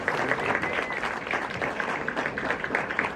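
Steady audience applause, many hands clapping in a dense, continuous patter at a fairly even loudness throughout, with no voices standing out.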